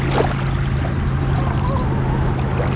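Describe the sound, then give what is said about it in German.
Gentle waves of Lake Chiemsee lap steadily against the shore, with the Alps in the background, a soft continuous splashing and trickling with a low steady hum underneath and no voices. “Vor mir plätschern die Wellen an den Strand, im Hintergrund erheben sich die Alpen.”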